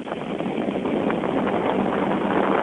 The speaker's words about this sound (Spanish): Esto que escucha es un ventilador de pedestal